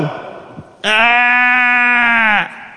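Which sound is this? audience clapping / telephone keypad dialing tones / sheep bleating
sheep bleating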